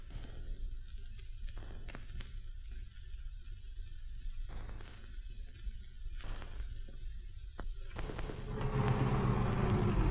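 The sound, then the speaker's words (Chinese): A truck engine rumbles steadily with a low, continuous drone and scattered rattles, growing louder toward the end as it passes by. No one speaks. “哎，卡车停一下。”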